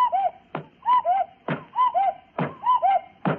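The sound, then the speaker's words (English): A cuckoo clock on top of a radio, turned back to four o'clock, strikes four times, each two-note mid-pitched cuckoo call followed by a sharp, hollow wooden knock, in a steady, evenly spaced rhythm with no voices. “Gad, the cuckoo hit Lady Bensonhurst on the head 4 times.”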